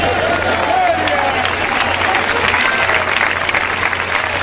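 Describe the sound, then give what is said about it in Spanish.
A large crowd claps steadily and loudly throughout during a sermon, a dense wash of many hands with a faint steady hum underneath and scattered voices mixed in. “Cuando haya, cuando aplauda, hermano, aplauda a todo el mundo.”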